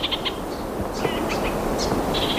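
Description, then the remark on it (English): Orange-fronted parakeet (kakariki karaka) song: a series of short, bright, high chirps scattered across a couple of seconds, fairly faint over a steady low rumbling background noise. “The orange-fronted parakeet or the karakia?”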